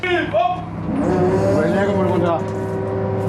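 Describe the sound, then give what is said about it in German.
An electric winch on a boat at its berth whines steadily, its motor pitch sliding upward as it strains under load, over a constant low mechanical hum, as it hoists large green plastic crates full of shrimp from the hold onto the deck and swings them onto a white truck. “hieft sie mit einer elektrischen Winde an Deck und schwenkt sie gekonnt auf die Ladefläche des LKW.”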